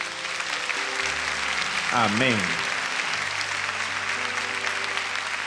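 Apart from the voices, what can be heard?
audience applauding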